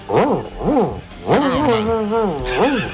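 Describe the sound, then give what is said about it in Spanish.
A radio listener imitates a dog with two short, arched barking yelps, then a longer wavering growl-like howl and one more bark, fairly loud. “Perro saboreado.”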